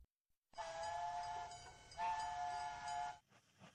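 A train pulls in and stops at Beijing Qianmen railway station, a loud, sustained high whistling squeal ringing out for about three seconds over a low rumble, then cutting off to leave faint clanks and settling noise.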